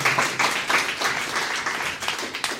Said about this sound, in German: Ich möchte trotzdem mich ganz besonders bedanken und bitte einen Applaus für